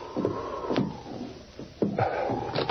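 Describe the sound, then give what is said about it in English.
A wooden cabin door creaks open in a storm, with a low groaning hinge and several sharp knocks and thumps spread over a few seconds, no voices. “Maybe the door's unlocked.”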